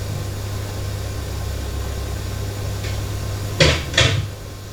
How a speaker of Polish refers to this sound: Teraz proszę Państwa zamknąć drzwi.